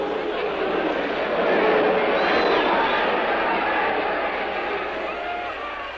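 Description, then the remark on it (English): A large boxing crowd jeers in a dense, continuous wash of shouting and babble, swelling slightly in the middle and holding steady for several seconds, with no single voice standing out, as a boxer takes his final count early in the fifth round. “And with the crowd's derision echoing in his ears, Charlie Porter took his final count.”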